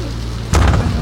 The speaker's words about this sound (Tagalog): Dahan-dahan naman sa pagsara ng pinto.